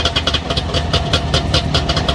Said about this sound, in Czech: Dvojtakt. Trabantík. To je vozidlo.